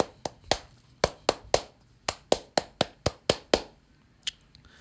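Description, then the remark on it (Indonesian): A rhythmic Scout (Pramuka) hand-clap pattern, the tepuk Pramuka, of sharp hand claps, about a dozen in quick, patterned bursts, crisp, with no talking, ending with one faint clap after a short pause. “Karena ini mendekati 17-an, apalagi ini hari Pramuka. Weh, tepuk Pramuka.”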